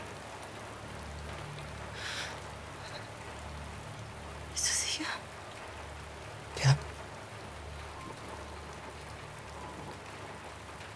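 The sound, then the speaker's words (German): Steady rain falls throughout as a soft, continuous hiss, with a few brief louder spatters; quiet voices speak briefly over it. “Mama, es ist nur Regen.”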